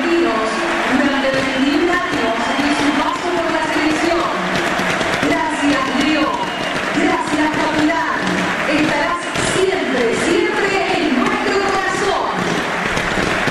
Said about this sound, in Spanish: 10 paró el partido para el aplauso de pie para Messi. De pie el estadio, De pie a los 10 minutos.